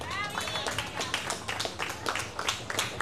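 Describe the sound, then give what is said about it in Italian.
A crowd claps and applauds steadily for a few seconds, a dense run of overlapping claps, with a brief cheer or whistle near the start. “Per dimenticare, un grande applauso!”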